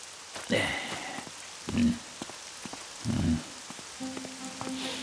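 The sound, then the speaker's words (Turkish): Steady storm rain patters throughout with a broad hiss, broken by a few dull thumps and short muffled bursts, plus faint tonal hums near the end. “Cimcime kim bilir nasıl korkmuştur fırtınadan.”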